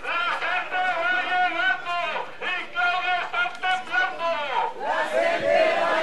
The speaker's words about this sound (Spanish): Bueno, la gente mencionando que si se da el paro será culpa del Estado. Es lo que pregona en estos gritos a las afueras de las instalaciones de la dirección del ISSSTE.